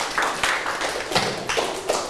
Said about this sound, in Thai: นักเรียนคนไหนตอบถูกหมดทุกข้อบ้างครับเก่งมากครับปรบมือให้ตัวเองดังๆเลยนะครับ